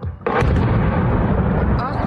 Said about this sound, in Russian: Курортный сезон в Крыму стартовал на фоне масштабных атак ВСУ по объектам инфраструктуры. С начала июня жители аннексированного России полуострова каждую ночь слышат стрельбу и взрывы.